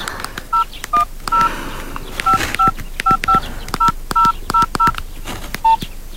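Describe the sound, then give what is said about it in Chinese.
A rapid series of short telephone keypad beeps as an outgoing call is redialed to a phone that is switched off, about a dozen dual-tone presses in quick irregular rhythm, clear, with faint background noise and no talking. “我再打一个试试。”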